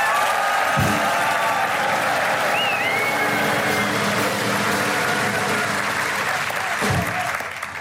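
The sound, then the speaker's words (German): Sustained audience applause for the favourites fills the whole stretch, a dense, steady wash of many hands clapping, with a few faint whistles and crowd noise mixed in before it begins to fade. “Wir können das ja immer gut probieren, also A, gibt mal richtig luden Applaus für die Favoriten, so ja.”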